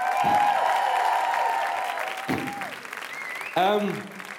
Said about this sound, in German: auch noch bitte einen Applaus. Ja, Mann. Dankeschön.